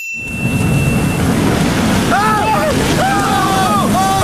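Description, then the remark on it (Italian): Strong wind and crashing storm waves roar steadily and loudly on the open water of a lake, with voices briefly shouting over the rushing noise toward the end. “Cazzo di onde ci sono!”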